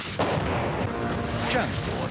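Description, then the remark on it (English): Heavy automatic 30 mm cannon fire from an Apache attack helicopter, loud booming bursts around 0.2 and 1.5 seconds in, over a dense, continuous roar of rumbling gunfire and noise. “And when the enemy hears the Apache's 30 millimeter, things tend to get quiet quickly.”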